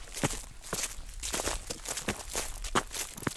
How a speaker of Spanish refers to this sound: Y tras la cima, bajo rápido por estos robledales y pisando ya las hojas que el otoño va dejando en el suelo.